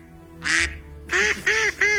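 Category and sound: bird, duck quacking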